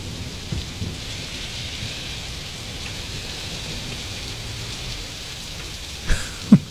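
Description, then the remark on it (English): Steady rain hisses continuously, with a low rumble of thunder underneath and a few sharper, louder thumps near the end. No voices are heard. “Has it stopped raining yet?”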